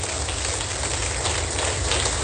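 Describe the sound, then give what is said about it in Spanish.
A crowd applauds steadily, a dense wash of many hands clapping at once that stays at an even loudness throughout, with no voices standing out. “Ahora suelte un fuerte aplauso.”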